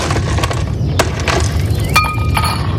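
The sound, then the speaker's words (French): Ice cubes clink and rattle against a glass in a quick burst of bright taps over a steady low background rumble, with no speech. “Eh ben voilà, avec quelques petits glaçons, ça va beaucoup mieux.”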